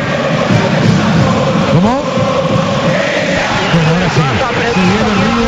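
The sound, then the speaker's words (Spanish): A packed crowd at the Monumental stadium roars steadily and loudly at night, welcoming River for a Copa Sudamericana match, with sweeping rising and falling voices and chants cutting through the dense wall of cheering for the whole stretch. “Señoras y señores, el recibimiento del Monumental para este River esta noche, que va por la épica en la Copa Sudamericana.”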